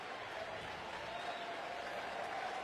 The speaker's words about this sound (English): As Jones gets a nice round of applause from all these Sooners here in Omaha.